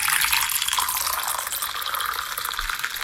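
Coffee pours into a cup in a steady stream, a continuous bright splashing trickle lasting a few seconds, fairly loud with no voices.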